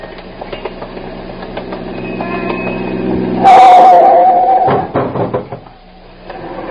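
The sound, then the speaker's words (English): A car passes along the street: a low rumble builds steadily, swells into a loud, brief rush with a whining tone, then drops away, with scattered knocks and clatter throughout. “I think we can get across as this car passes, ma'am.”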